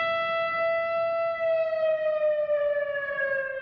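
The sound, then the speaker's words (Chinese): An air-raid warning siren sounds outdoors on July 7 at the foot of Baota Mountain in Yan'an, China, as an alarm marking the Marco Polo Bridge Incident while citizens and tourists stand still. It holds a long, steady, loud wailing tone, then its pitch slowly sinks toward the end, with faint background noise and no talking. “7月7号，延安宝塔山下沿河水畔，市民与游客在警报声中驻足肃立，向革命先烈致以最深切的悼念，也提醒国人铭记历史，珍爱和平。”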